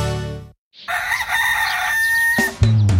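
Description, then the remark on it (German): A rooster crows loudly, one long drawn-out cock-a-doodle-doo with a strained, wavering pitch, preceded by a brief tone and followed by a lower sound as it ends. “Wie täglich ruft der stolze Hahn, so täglich man hier essen kann.”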